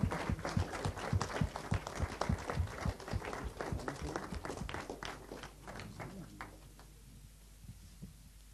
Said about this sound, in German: Aber einen großen Applaus für die Coaches.